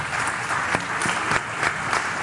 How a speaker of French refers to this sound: Merci à nos invités. Je vous propose de les applaudir bien fort.